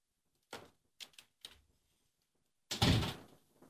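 A few light clunks and rattles of a door being handled, then a loud, heavy thud as it shuts, with a brief rumbling decay. No one speaks.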